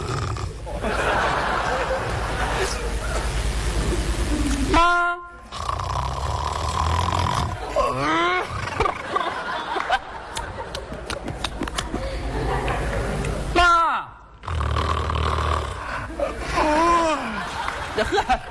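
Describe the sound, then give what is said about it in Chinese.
A performer's voice imitates a sleeping mother's noises, with snorting snores, gritty teeth grinding, breaking wind and wet lip smacking, in loud bursts over about twenty seconds while an audience laughs throughout. “咬牙放屁，吧唧嘴全占上了。”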